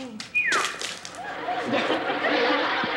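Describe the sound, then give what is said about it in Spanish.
A quick whistling swoop is followed by a loud splash of water, then a steady wet spattering that lasts for a couple of seconds: a splash of water thrown on a person to end a fit of stiffening brought on by fright. “Pero recuerda que se le quita con un salpicocito de agua.”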